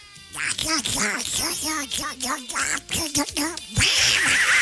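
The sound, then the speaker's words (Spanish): A man imitates a duck's voice, squeezed into a rapid run of nasal, buzzy quacks, loud, ending in a brief burst of hissy noise. “Para Monse y Sofía con la voz del pato.”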